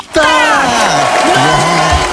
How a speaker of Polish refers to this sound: Udało się. Od nas wielkie brawa, świetnie poszło.